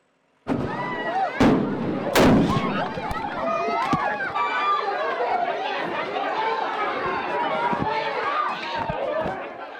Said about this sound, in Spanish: Esa explosión de varios cohetes en plenas fiestas de Noaín, en Navarra, ha estado a punto de convertir el chupinazo en tragedia.